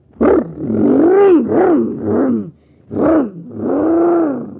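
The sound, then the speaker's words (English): The engine of a pretend surface car on Mars, supercharged with super fuel, roars loudly in a series of five surging bursts, each swelling and falling in pitch like hard revving, with brief gaps between and no talking. “Gosh, my surface car is supercharged now.”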